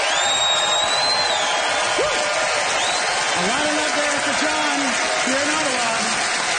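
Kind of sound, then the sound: crowd, audience applause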